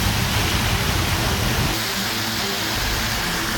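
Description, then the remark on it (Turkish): A steady, dense roar of a heavy rain downpour in Diyarbakır, Turkey, pours without pause, loud, filling the whole scene with hissing noise and a faint low rumble beneath. “Sağanak yağış Diyarbakır'da hayatı felç etti.”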